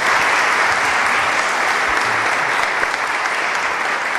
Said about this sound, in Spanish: me gustaría escuchar ese aplauso caluroso de la gente de Orihuela a este inicio de Ser Historia.